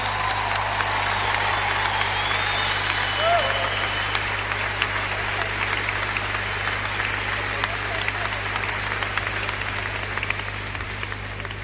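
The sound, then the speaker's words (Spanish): Sustained applause from an audience, many hands clapping in a dense, steady wash that holds for several seconds, with a faint murmur of the crowd underneath. “Si va a dar ese aplauso, a dárselo bien fuerte a él.”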